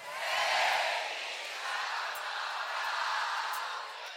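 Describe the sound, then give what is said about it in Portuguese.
A large crowd of supporters cheers and whoops continuously, a broad roar of voices swelling early, then holding steady at a loud level for several seconds. “Eu não tenho fã, eu tenho torcida.”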